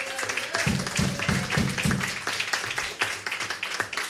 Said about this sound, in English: And, of course, I want to thank the audience for coming out tonight and making us all sound good by clapping their hands as loud as they possibly can.